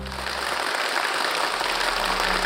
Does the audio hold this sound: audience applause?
yes